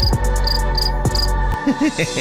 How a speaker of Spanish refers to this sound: Los grillos de platino. Sí, también suenan.